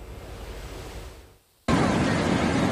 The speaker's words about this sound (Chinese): 海浪翻滚，溺水男子在海水中起起伏伏。